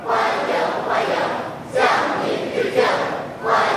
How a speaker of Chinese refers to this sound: 人民大会堂北门外，礼宾分列道路两侧，青少年热情欢呼致意。